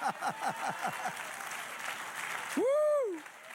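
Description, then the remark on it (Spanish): An audience applauds during a sermon in a steady, dense patter of clapping, with short voiced whoops early on and one loud, rising-then-falling shout near the end. “Dale otro aplauso.”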